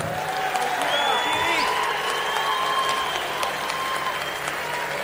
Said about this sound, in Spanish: Hace muchos años que venimos recorriendo el camino y no me va a dejar mentir alguien para quien voy a pedir un fuerte aplauso.